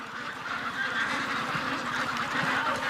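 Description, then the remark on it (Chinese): A large flock of two-month-old Cherry Valley white Pekin ducks, used for traditional Baisha oil duck, quacks and honks in a dense, overlapping chorus, steady and fairly loud throughout, with no pauses and no voices. “传统白沙油鸭用的是麻鸭，不过现在都改用了2个月的樱桃谷大白鸭，脂肪分布均匀，肉质更为鲜嫩。”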